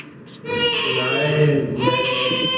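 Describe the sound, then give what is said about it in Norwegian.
A newborn baby, Norway's Prince Haakon Magnus, wails loudly, two long, strained crying bursts separated by a brief catch of breath, with no other voices present. “Så sette han i å skrike.”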